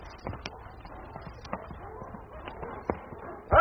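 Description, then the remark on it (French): The hooves of five horses clip-clop in a loose, uneven rhythm that gradually slows and stops in front of a lit tavern at a crossroads, with a low background rumble; a loud voice breaks in at the very end. “Enfin, les cinq chevaux s'arrêtent devant une taverne éclairée, située à une croisée de chemin.”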